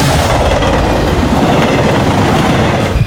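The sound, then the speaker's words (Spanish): A train carriage rolls steadily along the rails, a loud continuous rumble with a dense rhythmic clatter of wheels running underneath for the whole stretch, with no voices. “Vamos a cambiar de vagón, mi querido Javi, ya casi vamos llegando a la estación del tren a la final, así que cambiemos a un vagón más.”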